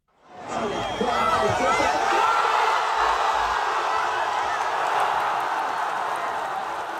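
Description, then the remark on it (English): A large outdoor crowd in Gaza, gathered among the ruins to watch a football game on giant outdoor TV screens, roars loudly and steadily for several seconds, a dense wash of cheering and shouting voices rising quickly and holding at full volume. “perhaps nowhere more so at the moment than in Gaza, where thousands and thousands of people have crowded among the ruins of Gaza City, Deir al-Balah, and in Al-Mawasi in the south to watch key games on hastily erected giant outdoor TV screens.”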